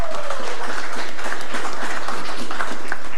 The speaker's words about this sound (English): From July the 1st, you can forget your passport at home and travel with your digital ID card to Barbados and same from Barbados to Guyana. I think that deserves a regional round of applause.